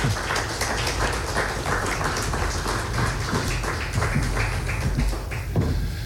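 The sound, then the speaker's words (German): Steady audience applause at a poetry event as the first two authors are called onto the stage, a dense patter of many hands clapping at an even, sustained loudness with no voices over it. “dazu möchten wir sie jetzt verleiten, gleich mit den ersten beiden Autoren, die ich hier, ich hoffe, mit einigen Beifall auf die Bühne bitten darf.”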